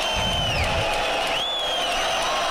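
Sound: crowd ovation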